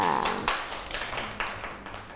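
A few people clap their hands in a short, uneven burst of applause, with sharp slaps landing irregularly at a moderate level and no talking.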